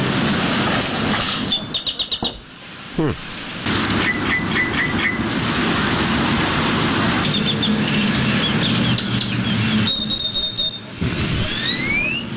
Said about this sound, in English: A little bit of the common grackle this morning.